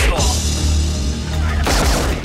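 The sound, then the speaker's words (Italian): A loud volley of gunfire in the film Trappola in alto mare, with several shots crackling over a dense, rumbling background and a sharp new burst of shots near the end. “Quelli erano spari.”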